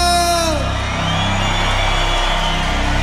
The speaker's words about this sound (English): crowd make some noise